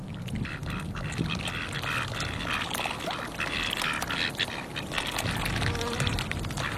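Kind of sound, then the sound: bird, ducks eating duckweed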